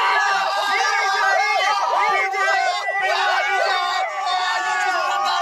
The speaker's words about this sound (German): Sie springen, schreien, jubeln.